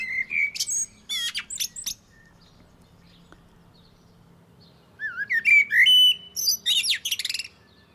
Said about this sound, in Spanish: Ahí están, auténticos flautistas alados de Lisboa. El canto de los mirlos, lo estáis escuchando, es fluido, variado, con frases amplias y melódicas